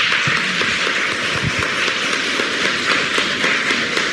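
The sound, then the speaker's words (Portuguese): An audience applauding pilgrims from various towns, a dense, steady wash of many hands clapping at once that holds at the same loudness for about four seconds, with no voices heard. “Uma salva de palmas para os romeiros.”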